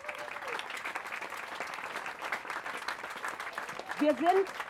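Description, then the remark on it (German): An audience claps steadily in a dense, continuous burst of applause for the playground builders from Tollerei, with a voice rising briefly over the clapping near the end. “Und jetzt ein großer, und da glaube ich, ein großer Applaus für unsere Spielplatzbauer von der Tollerei.”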